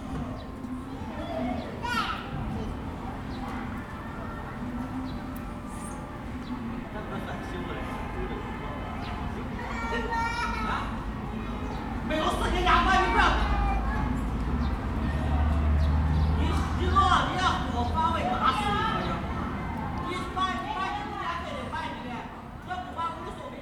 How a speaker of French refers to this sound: Je ne sais pas si vous avez entendu, mais la réverbération n'est pas du tout la même. On est sur une place publique, mais l'effet sonore n'est pas le même. Ici, vous avez encore autre chose.